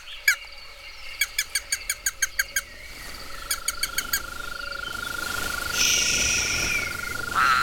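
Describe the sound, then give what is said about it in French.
Toads croak at dusk in two quick bursts of rapid, evenly spaced pulses, clear, over a soft evening backdrop of insects and a steady faint hum. “Les crapauds sortent de leur”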